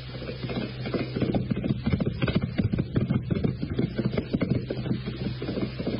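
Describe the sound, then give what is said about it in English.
Horse hooves gallop on a race track in a fast, steady drumming rhythm as the horse is timed, continuous, with a low steady rumble underneath and no voices. “But if you've got a horse that looks legit, catch on. Catch. He's making the time.”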